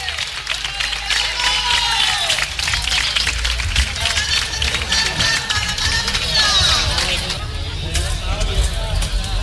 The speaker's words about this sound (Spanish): Fuerte aplauso para Partido Popular Fútbol Sala, gran campeonato, excelente rendimiento.